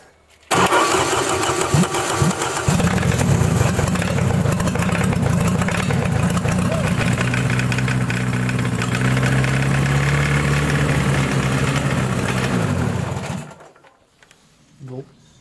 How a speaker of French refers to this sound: Il démarre. Ouais. Il démarre, mais il tourne pas bien. Normalement, il devrait avoir un régime stable. Là, on l'entend faire pop pop pop pop pop pop pop pop pop pop pop pop pop pop pop pop pop pop pop